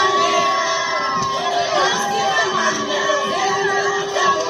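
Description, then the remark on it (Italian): A large crowd of Cape Verdeans cheers and shouts continuously at a steady, loud level, with many high voices rising and falling over a dense roar of excited celebration, welcoming home their men's national football team, the Tubarões Azuis, after the World Cup. “Quella che sentite in sottofondo è l'accoglienza che i capoverdiani hanno dedicato alla loro nazionale di calcio maschile”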